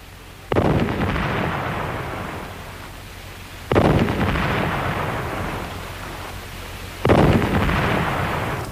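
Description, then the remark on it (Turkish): Three heavy cannon booms go off one after another, each a sudden deep blast that rolls on in a long rumbling echo before the next shot. No one speaks. “Gökte top sesleri bir bir nerelerden geliyor?”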